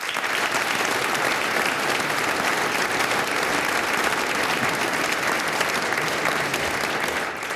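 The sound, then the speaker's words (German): Steady, dense applause from an audience in a hall at an event organised by the Lions Club Hartberg, applauding the music school director; a continuous wash of many hands clapping at an even loudness for several seconds, with no voices standing out. “Geben wir ihm einen kräftigen Applaus.”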